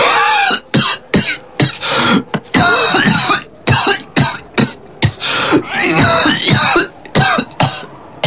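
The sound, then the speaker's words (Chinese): A long, loud fit of deep, heavy coughing inside a room, sounding like an ox's bellow or muffled thunder, with rapid hacking bursts separated by brief gasping pauses and some throat clearing, continuing without letup and no talking. “在屋里，陈家湖的咳嗽声又成倍的被放大了，如牛吼，如闷雷”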